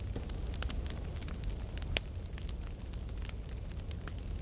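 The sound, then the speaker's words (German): A campfire crackles steadily, with frequent sharp pops and snaps over a low, constant rumble of burning. It sounds fairly quiet, with no voices. “Wir sitzen hier bei NDR Kultur am Lagerfeuer und hören Volkssongs aus allen möglichen Ecken Europas”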